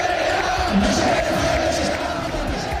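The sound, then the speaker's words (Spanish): A large crowd of football fans chants together in the stands during a Rayo match against Athletic, suspended in the 13th minute after fans threw paper planes and rubber balls onto the pitch; a loud, continuous roar of many voices with a steady sung tone and no pauses. “Mientras tanto, en la grada se escuchaba lo siguiente.”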